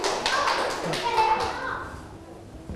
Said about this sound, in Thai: อ่ะปรบมือให้กลุ่มที่5หน่อยเยี่ยมมากนะ